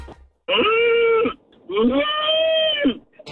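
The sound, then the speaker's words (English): A person imitates an angry cow, letting out two long, loud, strained moos with a brief pause between them, each voiced call rising and falling in a harsh, drawn-out bellow. “That one's pissed. don't mess with mama cow, man.”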